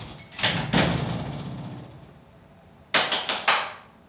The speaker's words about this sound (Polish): albo może ja jeszcze wyjdę na chwilę za drzwi, zamknę pokój